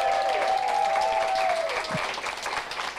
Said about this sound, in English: A big round of applause for the one and only Nancy Hayes.